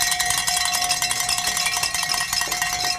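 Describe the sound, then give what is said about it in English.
Bells are rung during a radiothon fundraiser, clanging steadily in a dense, continuous metallic jangle, bright and loud throughout with many overlapping strikes and a sustained ringing tone, no voices heard. “It is 8:56 and 40 seconds, and Sly has given us the signal to ring some bells here, folks.”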